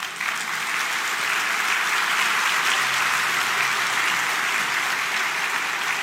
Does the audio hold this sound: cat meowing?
no